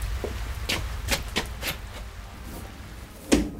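A door is handled as people come in out of the rain: several light wooden knocks and rattles in an uneven rhythm, then a louder thump and clatter at the end as it shuts, over a low steady rumble.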